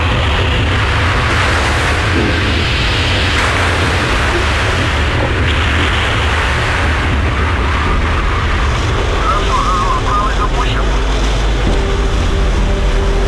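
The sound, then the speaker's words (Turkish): An icebreaker ship, engineered to break the thickest, heaviest ice, grinds through thick ice in the Arctic Ocean in March 2018, a loud, continuous roar of deep engine rumble and harsh scraping noise that stays steady for the whole stretch. “Her gemi en kalın ve ağır buzları kırması için mühendisler tarafından geliştirildi.”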